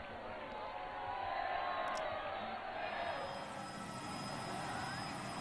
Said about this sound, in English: Of course, our radio viewers can't see that, but they can certainly hear the enthusiasm of these smiling crowds, all with their phones out, capturing the moment, immortalizing it with their digital media recording devices.